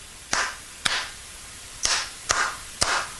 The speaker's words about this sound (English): There'd be that one hand just clapping. And I thought, that is hilarious how they do that. It's like the last guy in the audience is...